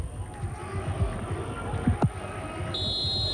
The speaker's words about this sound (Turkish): Evet, Atilla Karaoğlan son düdüğü çalıyor. Mücadele sona eriyor.